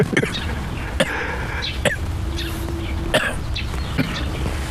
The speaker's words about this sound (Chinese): 你别咳嗽啊！你这一咳嗽，人家听见了，人家报到派出所抓你走，我得离你远点。